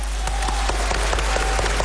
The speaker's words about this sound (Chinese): 不对，不对，这一鼓掌，这里头有事儿